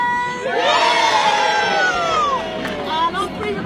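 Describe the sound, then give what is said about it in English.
A big crowd of schoolchildren from Lady Bay Primary and William Booth, gathered on each side of the river, lets out a loud, sustained cheer at the official opening of a bridge, high-pitched voices shouting and whooping together, swelling and then tapering off over a few seconds. “On three, they're about to do a massive cheer.”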